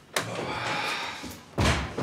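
Two loud, solid knocks on a door by someone standing outside with flowers, spaced over a second apart, with a faint background hum between them and no one talking.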